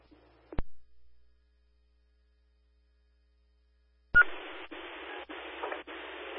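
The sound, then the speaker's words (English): A sharp click, then several seconds of silence before loud test tones of a daily radio phone equipment test to home receivers begin, followed by harsh static-like bursts broken by brief regular gaps, with no voices. “Our daily radio phone equipment test to all home receivers.”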